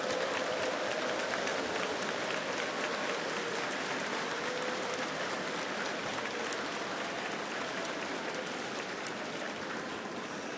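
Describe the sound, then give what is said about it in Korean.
Steady, dense audience applause of encouragement for fellow workers in the faith fills the whole stretch, a broad crackling wash of many hands clapping at a fairly even level without pauses, no voices standing out. “다시 한번 양옆에 계신 우리 믿음의 동역자들에게 격려의 박수를 보내주시기 바라겠습니다.”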